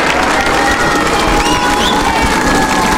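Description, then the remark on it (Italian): A large crowd in the square at Castel Gandolfo cheers and applauds Pope Leo continuously in an open outdoor space, a dense wash of clapping and shouting voices with occasional higher children's cries rising above it. “Restando sulla piazza, pensate, lo dobbiamo far sentire il saluto.”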